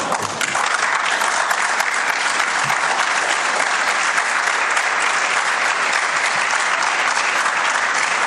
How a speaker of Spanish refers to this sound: Tremendo, nos sumamos al aplauso.